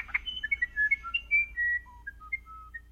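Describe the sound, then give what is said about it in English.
A small bird sings a run of clear, whistled notes, bright short phrases that slide and step at varied pitches over about three seconds, against a faint low background hum. “Learn more about this little bird's special song on our website”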